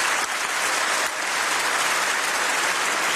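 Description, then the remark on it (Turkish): Sustained, dense applause from a large crowd in the European Parliament plenary hall, a standing ovation lasting minutes for Canadian Prime Minister Mark Carney, steady and loud throughout with no voices rising above the clapping. “Carney dakikalarca ayakta alkışlandı.”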